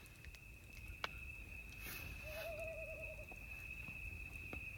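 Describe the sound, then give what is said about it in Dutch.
An owl gives a single wavering, trilling hoot lasting about a second, fairly faint, over a steady high-pitched hum and soft nighttime background noise. “En nog even deze. De uil.”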